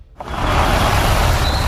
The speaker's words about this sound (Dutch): Met de elektrische Jeep Adventure is het avontuur altijd dichtbij.